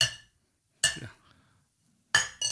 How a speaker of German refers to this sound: Da, schau, stoß mal an, haben wir schönes Schnapsal, schau.